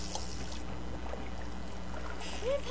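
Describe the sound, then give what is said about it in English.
A small boat shifts and knocks in the water as it is pushed off from a dock, with steady lapping and a low rumble underneath, then a brighter splash and creak near the end. No one speaks. “stepping onto the boat, pushing off from the dock, tying on the perfect bait, and casting a line.”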